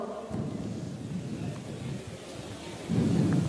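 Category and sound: crowd, audience applause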